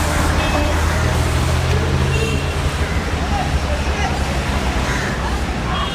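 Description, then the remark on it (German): Busy street traffic with cars and mopeds rumbling past in a steady, dense wash of loud engine noise, with a faint murmur of voices mixed in. “Zwischen den Autos und Mopeds ist es nicht sehr gemütlich.”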